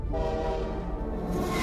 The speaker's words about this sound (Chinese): 那天，另一侧驶来的火车太快了，我没能换下工作服回家吃饭。